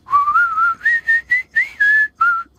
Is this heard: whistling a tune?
yes